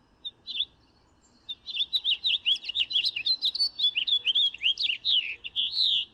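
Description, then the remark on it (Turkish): A colourful bird living in the city chirps in a quick, continuous run of high, bright notes after a couple of brief opening calls, clear over a quiet background with no talking. “Ve çok da güzel renkli, güzel bir kuş.”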